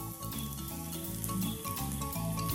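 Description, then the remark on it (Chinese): Mushrooms, including shiitake cut into quarters, frying in olive oil in a hot pan give a steady sizzle that runs unbroken for the whole moment, with a faint tonal hum underneath and no one talking. “然后就下锅炒了。”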